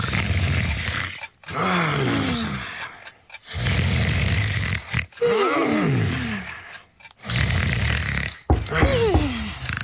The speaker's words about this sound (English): You could tell because Gruffy, Muffy, and Gruffy Jr. were all snoring in unison.